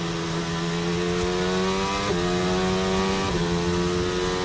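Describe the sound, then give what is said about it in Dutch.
A Formula 1 racing car engine screams at high pitch, dropping through two quick gear shifts, to third and then second gear, with brief blips before accelerating away again, loud and steady throughout with no voices. “Derde versnelling. Tweede versnelling en uitaccelereren.”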